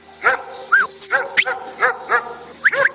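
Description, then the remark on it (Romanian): A dog barks repeatedly, around seven sharp barks in quick, uneven succession, clear with no one talking. “Ei și în unele nopți atacau lupii, de aceea ciobanii legau câte un câine în cel mai îndepărtat colț al staulului.”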